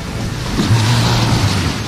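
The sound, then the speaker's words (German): Steady rushing surf of ocean waves on Mallorca, a broad continuous wash of noise with a low rumbling swell underneath, fairly loud, with no voices. “Das Meeresrauschen.”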